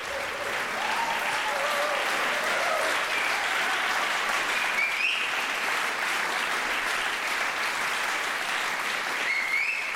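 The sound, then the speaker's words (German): Enthusiastic concert applause from a large audience in the Orangerie in Herrenhausen for the NDR Radio Philharmonie and guest conductor Jörg Wiedmann at a Kunstfestspiele Herrenhausen concert, a dense, steady roar of clapping that stays loud throughout, with a few faint whistles or cheers rising above it. “Und dieser begeisterte Beifall in der Orangerie in Herrenhausen gilt der NDR Radio Philharmonie und ihrem ersten Gastdirigenten Jörg Wiedmann.”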